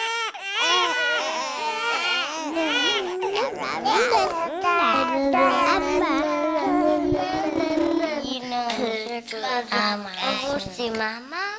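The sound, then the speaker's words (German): Recorded infants crying and babbling loudly and continuously, with wavering, melodic cries that rise and fall, several overlapping vocalizations and no adult talk. “Ich ende das Ganze nicht ich selber, sondern ich lasse das Ganze nochmal zusammenfassend die Babys selber sagen.”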